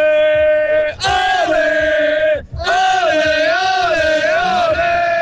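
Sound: fans cheering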